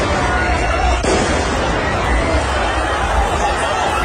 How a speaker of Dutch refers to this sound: In Brussel lopen scholierenprotesten uit de hand. Ze demonstreren tegen bezuinigingen op het Franstalig onderwijs in België. Er zijn brandjes gesticht en er is vuurwerk afgestoken.